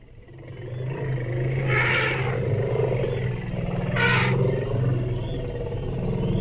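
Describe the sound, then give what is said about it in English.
A deep, steady rumbling from a lone bull elephant in a forest, trying to join a browsing herd, broken twice by short, rough bursts a couple of seconds apart, set against a constant outdoor wildlife backdrop. “This is a lone bull elephant in the forest, trying to join a browsing herd.”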